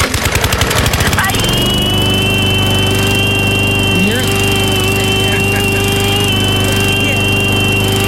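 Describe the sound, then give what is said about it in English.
A woman's voice mimics a lawnmower engine: a quick sputtering burst like a pull-start, then a loud, steady droning hum that holds for several seconds without pause. “You know, she sounds kind of like a lawnmower when she does that.”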